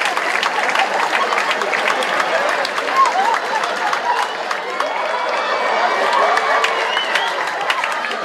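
A crowd bursts into sustained applause with scattered cheers and whistles, a dense steady wash of clapping that holds at a fairly even loudness for the whole stretch.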